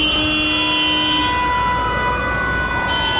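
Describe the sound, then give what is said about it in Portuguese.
Dense, loud traffic noise in the Zona Norte, before the new Sérgio Arruda bridge was built, with car horns honking, long sustained horn blasts overlapping one another throughout, over a steady rumble of engines. No one speaks. “O trânsito que era aqui.”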